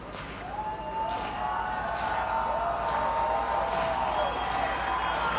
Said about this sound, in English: Another energetic crowd at the Wolf. Trying to cheer Candiotti to the win.